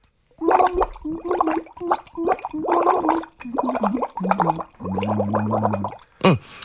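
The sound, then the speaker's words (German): A voice sings a wavering, warbling tune through a drinking straw into water, so each sung note comes out as loud bubbling in a string of short gurgling phrases. “Ich kann dabei sogar in den Strohhalm reinsingen.”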